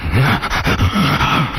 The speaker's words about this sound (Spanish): el perro.